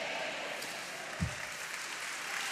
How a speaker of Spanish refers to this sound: Dele palmas al Señor.